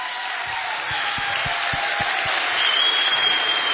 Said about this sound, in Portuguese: Tens aqui um público, tens aqui um público fabuloso. Muito mas obrigado. É um público que gosta de mim, mas também gosta muito de ti. É ou não é? Mais um forte aplauso.